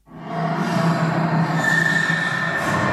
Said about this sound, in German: Und dann lege ich da noch einen Effekt drauf. Damit verändere ich den Klang noch mehr. Hier, den nehme ich. Der Effekt heißt Hall. Das Quietschen klingt jetzt so, als wäre es in einem ganz großen Raum.